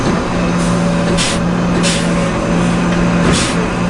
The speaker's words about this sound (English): There's a machine the size of a school bus called a ballast tamper. It presses vibrating metal fingers into rock beds that settle around the train tracks. It takes incredible power to move the rocks, to level and stabilize the track.